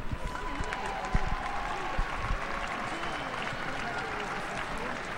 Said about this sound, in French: Voilà, les applaudissements qui accompagnent Jeanne qui s'élance donc pour ce défilé qui passe devant tous les porte-drapeaux hein, qui sont quasiment au niveau du musée des Beaux-Arts, Léo.